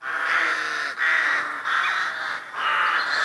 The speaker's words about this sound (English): Well, the rain stopped and the sun has come out and I'm going to head up to the allotment. Crows are enjoying the sunshine.